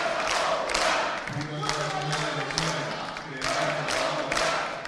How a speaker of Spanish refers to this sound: Pero ahí lo tenemos en pantalla ante el aplauso de los integrantes de su bancada. Arengas en el hemiciclo.